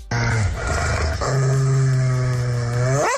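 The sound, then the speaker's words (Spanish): A dog barks in one long, drawn-out, loud vocalization that shifts tone partway through and rises in pitch at the very end, with no talking. “Es lo mismo este ladrido.”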